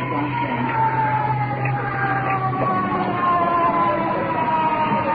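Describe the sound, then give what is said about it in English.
An ambulance carrying an iron lung arrives, its siren wailing steadily, the rising and falling tone sweeping over a low engine rumble. “Checking out the window. Ambulance with iron lung.”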